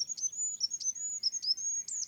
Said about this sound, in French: Je pense aux animaux qui produisent des sons qui peuvent être un peu au seuil de notre perception. Des petits oiseaux comme le roitelet, par exemple.